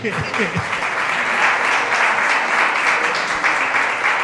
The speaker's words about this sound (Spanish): Bueno, aplauso, por favor.